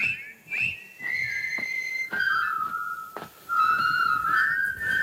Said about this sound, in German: Und ich kann mich noch genau daran erinnern, ein Berg mit einer Straße. Und plötzlich fangen die da an zu pfeifen und marschieren den Berg darauf.